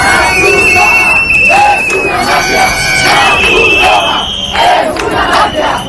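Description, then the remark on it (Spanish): A large crowd of hundreds of immigrants in Ceuta shouts protest slogans, calling the Red Cross a mafia, many voices yelling together in loud, continuous, overlapping bursts that rise and fall over six seconds, dense. “La Cruz Roja es una mafia, gritaban.”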